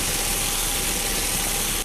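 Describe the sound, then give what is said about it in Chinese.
Fish burns and sizzles loudly and steadily in a hot pan, a continuous crackling hiss, with a brief sharper burst right at the end and no voices. “哎呀，鱼糊了。”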